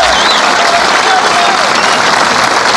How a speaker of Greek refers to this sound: Βλέπετε και μάλλον, όχι βλέπετε, ακούτε τα χειροκροτήματα.